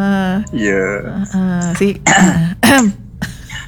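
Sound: cough or throat clearing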